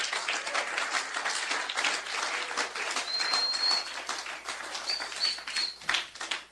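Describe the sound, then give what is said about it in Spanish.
An audience claps their hands for Christ in a dense, steady roar of applause that barely lets up, with a couple of thin, high whistle-like tones rising briefly above it. “Dele palmas a Cristo.”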